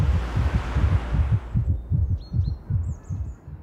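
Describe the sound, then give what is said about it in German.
A steady, thumping heartbeat pulses in quick double beats, loud. A wash of noise fades out partway through, leaving faint bird chirps above the beat. “Unser Puls und Blutdruck steigen.”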